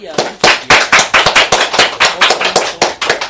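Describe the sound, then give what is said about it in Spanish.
Loud applause from a small audience welcoming an invited guest specialist: sharp, distinct claps in a quick, uneven rhythm, sustained for a few seconds with no voices on top. “Debemos un fuerte aplauso.”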